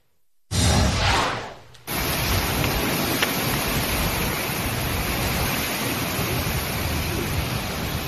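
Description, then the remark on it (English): Heavy rain pours in portions of Florida in a dense, steady hiss, with a loud gusty surge at the start that briefly drops away before the downpour and wind roar return and hold to the end. “Heavy rain, some gusty wind, and we have more tropical downpours, as you mentioned, in store.”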